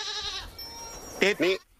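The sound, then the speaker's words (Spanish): A goat bleats: a drawn-out quavering cry, then two short, louder bleats in quick succession with a shaky, wobbling tone. “Claro, si no es una oveja, es una cabra.”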